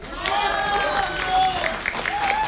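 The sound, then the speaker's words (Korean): A crowd gives big applause with chuimsae calls of encouragement for a song, clapping steadily for a couple of seconds, a dense patter of applause with scattered voices calling out over it, moderately loud. “다시 취임새 큰 박수와 함께 불러보는데”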